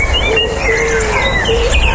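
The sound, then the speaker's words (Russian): Outdoor park ambience with several birds chirping and singing in short, high tweeting phrases over a steady low background hum, no voices present. “А это парк.”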